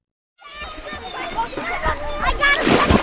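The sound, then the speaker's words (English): Dozens of children at the Hale Education summer camp in Westwood, Massachusetts, shouting and playing while water splashes around them, a lively crowd of kids in a pond tucked among trees, with splashes building louder toward the end. “Dozens of kids splash in a pond tucked among trees.”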